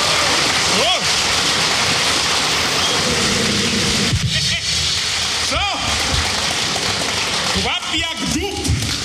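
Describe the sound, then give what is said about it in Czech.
A crowd claps for a double bass player in a dense, steady wash of applause that lasts the whole stretch, with a few voices calling out and rising whoops breaking through the clapping. “Potleskajte ho za studíci.”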